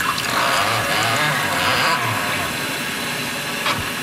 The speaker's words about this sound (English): like I said, there's no electricity, there's no power, so it does need to be preheated. So we're going to pour just a little bit of warm water into the infusion chamber and let it steep for about 45 seconds. You can just pour the water right here.